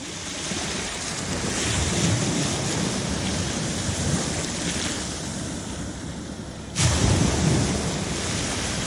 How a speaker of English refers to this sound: As I usually do, late in the show, I drive over to the coast and just stand in the waves.